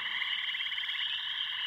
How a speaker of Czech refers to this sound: A skákat a kvákat, žabky.